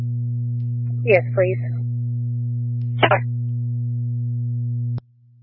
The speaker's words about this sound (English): Would you like cancellation tones? Yes, please.